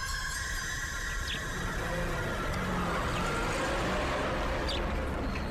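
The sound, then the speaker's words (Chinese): An oncoming canteen truck rumbles along the road and passes by, with a steady, even engine drone and tire noise that holds at a constant level throughout, with no voices present. “一辆卡车迎面开过来，错了过去。”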